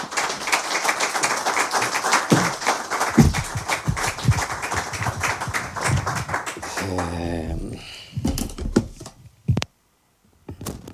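A crowd applauds steadily with dense, continuous clapping for about seven seconds. It then thins into scattered claps and a brief voice before falling silent.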